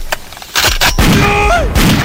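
A quick volley of sharp gunshots fired into the air, four or five loud cracks at irregular intervals, with a brief whistling, ringing tone sliding between the later shots.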